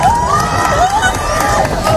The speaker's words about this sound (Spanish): Aplausos, incluso lágrimas, el asombro de la gente ante una belleza inquietante, ante un fenómeno realmente hipnótico. Escuchábamos los gritos de la gente en la Torre de Hércules, en La Coruña,